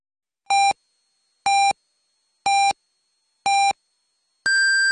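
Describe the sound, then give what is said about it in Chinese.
A radio time signal marking 18:00 Beijing time on Harbin Radio and Television's arts station FM 98.4: four short, evenly spaced electronic pips one second apart, followed by a longer, higher-pitched final tone, clear and loud with no talking. “北京时间18点整。”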